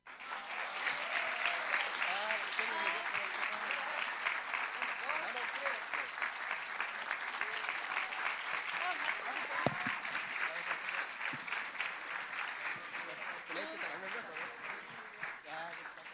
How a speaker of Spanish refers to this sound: Que sea más fuerte ese aplauso. Vamos, que se oiga más fuerte ese aplauso para nuestros jóvenes, nuestros niños.